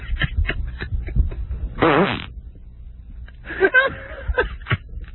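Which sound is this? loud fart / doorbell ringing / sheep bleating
loud fart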